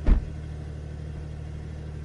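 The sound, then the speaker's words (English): A two-pedal Porsche sports car is started: the engine fires with a sudden, brief burst as it spins up straight away, then settles into a steady, deep, rumbling idle through the sports exhaust during the warm-up phase, humming on evenly with no one speaking. “It just spins the car up straight away and starts the engine, and then you get that great sports exhaust as well.”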